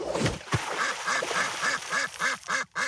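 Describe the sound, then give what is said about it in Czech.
Startled ducks on a pond quack in a rapid, steady series of about ten loud, nasal calls, preceded by a brief splash as a pair of slippers falls into the pond and a sharp knock at the start. “Vykopl oknem své dva královské pantofle, až spadly do rybníka mezi polekané kačeny.”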